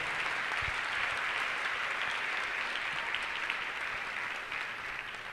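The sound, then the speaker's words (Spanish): Steady applause from a crowd for God fills the whole stretch, a dense wash of clapping that holds at an even, fairly loud level and eases slightly at the end. No one speaks over it. “Denle fuerte ese aplauso a mi Señor Dios.”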